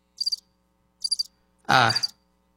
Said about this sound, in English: Crickets. No answer.